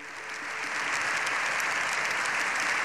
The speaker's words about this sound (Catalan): Així, Lleó XIV ha rebut una ovació de fins a 7 minuts al final de la seva intervenció